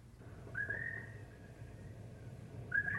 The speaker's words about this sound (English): Listen, even the birds sound lonely.